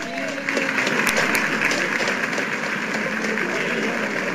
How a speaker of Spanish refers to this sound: Un fuerte aplauso.